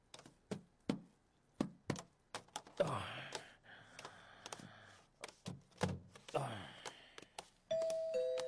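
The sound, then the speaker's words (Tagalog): A two-note electronic doorbell chime sounds clearly at the very end, a higher tone stepping down to a lower one, after a stretch of sharp taps, knocks and rustling movement. “May nagapang doorbell.”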